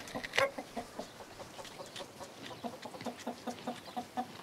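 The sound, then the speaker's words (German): Several laying hens, a mix of Danish and German breeds, cluck in the morning in Els in a steady, busy chatter of short repeated calls, one sharper squawk standing out near the start, with no voices over them. “Morgens geht's erst einmal zu den Hühnern. Ein Mix aus dänischen und deutschen Legehennen.”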